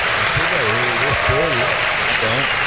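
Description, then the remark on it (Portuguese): A crowd applauds Monarco da Portela steadily and densely throughout, a continuous wash of clapping at an even loudness, while a man's voice speaks over it. “Por favor, palmas para ele.”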